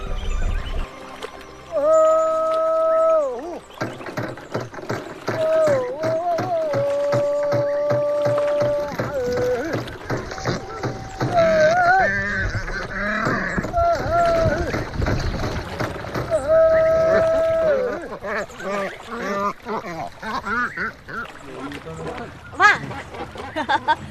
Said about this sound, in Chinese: 放鹰捕鱼。嘴里喊着号子，脚下跺着船底，有节奏地敲击船帮，这既是向鱼鹰发出进攻的号令，也是一种信号，告诉鱼鹰不要远离，就在附近集中力量围捕鱼群。